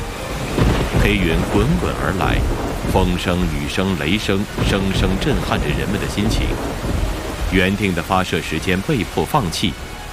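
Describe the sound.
A steady thunderstorm at the Xichang Satellite Launch Center, China, during a rocket launch countdown, roars beneath continuous speech: dense rain and wind noise fill the background, with low rumbles of thunder rolling through while a voice talks over it throughout.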